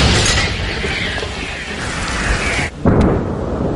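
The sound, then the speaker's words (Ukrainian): Ukrainian artillery firing toward the spit in the Ochakiv area: a loud, low, booming blast that rolls on as a continuous rumble, cuts out briefly, then returns with another sharp burst of roaring noise. “Саме туди, у напрямку коси, щойно виявляються цілі, стріляє українська артилерія. Постріл!”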